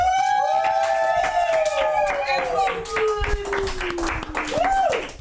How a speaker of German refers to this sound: Jetzt dürft ihr klatschen.